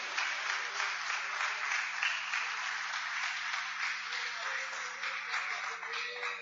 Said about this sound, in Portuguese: Palmas e glórias ao nome do Senhor Jesus.